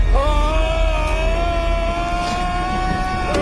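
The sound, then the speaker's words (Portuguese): A long, sustained high-pitched scream, as a toe hits a door, from the 1997 sci-fi horror film Event Horizon, by Sam Neill's character Dr. William G. Billy Ware. It holds one steady, piercing pitch for over three seconds at a constant loud level, over a low rumbling background. “E aqui é só um grito, mas sim, é um grito.”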